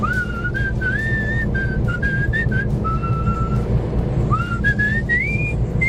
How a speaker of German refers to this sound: … aus Jülich pfeift fröhlich vor sich hin